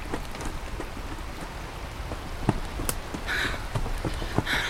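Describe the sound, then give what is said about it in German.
Water rushes and pours into a chamber, filling it, in a steady, hissing wash, with scattered splashes, drips and a couple of brighter spray bursts. No one speaks. “Wir müssen uns beeilen. Die Kammer füllt sich.”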